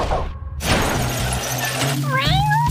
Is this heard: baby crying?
no